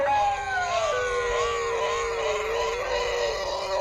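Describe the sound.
A mixed choir of dogs practicing a sung scale howls together in long, wavering sung tones, several pitches overlapping, loud, continuing without pause for a few seconds.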